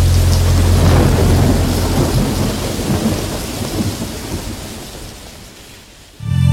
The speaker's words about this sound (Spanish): Como llueve, como llueve.